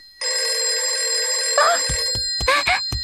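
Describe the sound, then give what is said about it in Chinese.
A telephone rings loudly and steadily, a continuous electronic trill that cuts off after about two seconds, followed by a few short voiced sounds and clicks. “这个灰太狼不是说了下去就给我打电话吗？”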